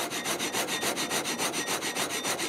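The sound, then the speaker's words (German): A saw in an original, preserved sawmill built in 1876 cuts steadily through wood in quick, regular strokes, a continuous rasping rhythm with bright high overtones, fairly loud with no voices. “Eine Sägemühle aus dem Jahr 1876. Und sogar im Original erhalten.”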